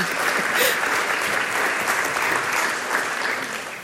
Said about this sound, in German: Ja, ein Applaus ist das wert.